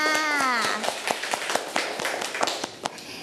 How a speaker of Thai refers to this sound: เก่งมากค่ะเด็กๆปรบมือทั้งสองคนค่ะ